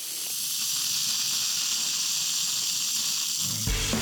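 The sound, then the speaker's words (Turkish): A steady, loud high-pressure cleaning jet at 12 bar hisses without a break for over three seconds, a broad bright rushing spray of ice-cold water blasting military-grade paint off fenders, then cuts off into a short low rumble at the end. “Buz gibi soğuk, jet makineden çıktıktan sonra yüzeye neredeyse ses hızında çarpar.”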